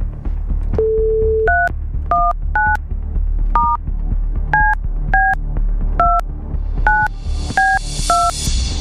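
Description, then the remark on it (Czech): Radio Blaník hosts place a phone call on air: a brief steady dial tone gives way to about a dozen short touch-tone beeps pressed at an even pace over a low background hum, ending with a burst of soft hiss. “Výborně, zvoníme, to je dobrá zpráva.”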